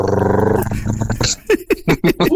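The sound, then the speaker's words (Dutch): A person on a phone line imitates an elephant's trumpeting with a loud, buzzy, sustained vocal blast, then breaks into a series of short, choppy vocal bursts. “Hoe doen we een olifant na deze?”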